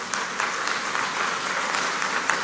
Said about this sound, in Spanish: A Global Effect, un aplauso para ellos.